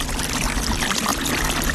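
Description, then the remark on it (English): Meltwater from a melting glacier in the mountains of Alaska runs and trickles in a steady, unbroken rush, a dense wash of splashing and gurgling that stays fairly loud throughout with no voices over it. “This is what a melting glacier sounds like.”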